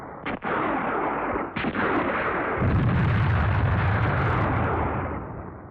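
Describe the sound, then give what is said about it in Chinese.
Heavy gunfire roars through a dense, continuous battle din, with two sharp cracks early on before a deeper rumbling barrage swells and holds, loud, with no voices. “枪声把他惊醒了”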